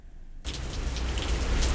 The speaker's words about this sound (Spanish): Pero comienza donde comienza, para que escuchen los truenos. Ahí se oye, güey. Se está lloviendo. Otra vez. Pon la agüita.